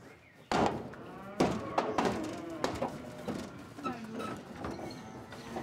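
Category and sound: animal, cows mooing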